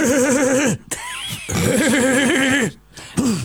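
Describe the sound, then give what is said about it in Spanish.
A man's voice imitates the diesel engine of a Mercedes 1114 bus, a classic 1980s city bus, with wobbling, revving vocal tones in two loud bursts separated by a short pause, coming out somewhat like a horse's whinny. “El colectivo el de 1114. El 1114. ¿Te sale el 1114?”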